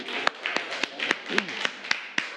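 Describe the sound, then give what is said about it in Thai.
Students in a class clap for a classmate at the teacher's request: a steady run of about nine sharp claps in an even, brisk rhythm, with a soft murmur of voices underneath. “ผีเสื้อมีเขาเหมือนแพะปรบมือให้เพื่อนหน่อยครับ”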